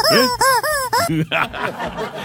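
A rubber chicken toy, its neck pulled to make it sound, honks in four loud, wavering squawks, each one bending up and down in pitch, followed by a short burst of laughter and voices.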